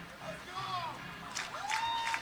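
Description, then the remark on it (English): A ballpark crowd at a baseball game cheers to rally the batter, a steady murmur with sharp rising whistles cutting through and brief bursts of clapping and shouts swelling near the end. “Crowd trying to get him rallied up.”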